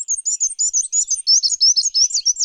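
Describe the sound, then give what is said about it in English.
A black-and-white warbler sings a thin, high-pitched, squeaky series of rapid repeated two-note phrases, steady and rhythmic for about two and a half seconds with no other sounds. “You can help black and white warblers by turning off outdoor lights and shading your windows at night, especially during migration season.”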